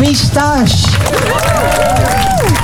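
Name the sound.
audience applause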